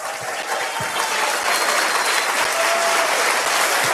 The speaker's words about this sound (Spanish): ¿Cuánto le da un aplauso a Dios? Vamos, denle un aplauso fuerte.